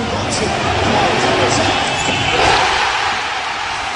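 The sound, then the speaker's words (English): A large crowd at the Madison Square Garden watch party roars and cheers after Jalen Brunson's corner three for the Knicks, a loud, sustained wall of noise, with shouts rising above the din and a swell of excitement around the middle. “And in case you were wondering, this is how the crowd reacted at the Madison Square Garden watch party to that bucket.”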